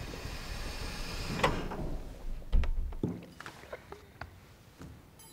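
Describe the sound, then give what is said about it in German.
Doors opening with a clunky mechanical rumble, a sharp click followed by a heavy low thud midway, then a scatter of lighter clicks and knocks fading out, with no one speaking. “Türen öffnen sich.”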